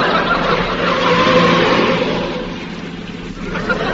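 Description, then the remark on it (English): A car engine revs hard and accelerates as the car is driven faster and faster, a loud, steady roar that swells to a peak and then eases back slightly, with no talking. “He's going faster. He's driving like a mad thing.”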